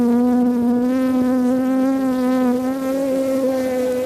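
Bees buzzing loudly, a steady, unbroken droning hum that holds the same pitch throughout with no voices or other sounds.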